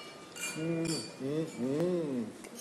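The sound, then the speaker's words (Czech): A couple of quick, light glassy clinks ring out as wine glasses are touched together in a toast, while voices murmur and talk underneath. “Vážení přátelé, na zdraví, na Martina. Na zdraví, na vás.”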